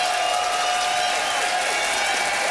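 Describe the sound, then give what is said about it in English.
A studio audience applauds steadily, voting by applause for comedian Charlie Demers, a dense wash of clapping with faint cheers mixed in, sustained and fairly loud throughout the short stretch with no talking. “By applause, who thought that Charlie had style for rewalking the aisles?”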